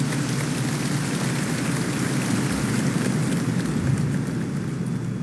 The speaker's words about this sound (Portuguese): Aos missionários, ao nosso arcebispo, uma salva de palmas, nossa gratidão, nosso reconhecimento.